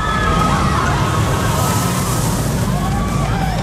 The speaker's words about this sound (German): Ganz genau, auf unsere Gewinner-Achterbahn. Wenn ihr die hört, dann heißt es ganz schnell anrufen